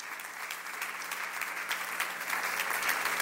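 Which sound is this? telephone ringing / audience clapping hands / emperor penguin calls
audience clapping hands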